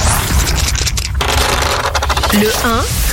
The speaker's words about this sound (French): Donc écoutez, oui, on y va, on lance les dés pop rock.